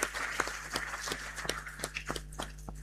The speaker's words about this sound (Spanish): tuvimos una muy linda acogida en el CESFAM con la peregrinación de San Pedro, así es que muy merecido este aplauso de gratitud.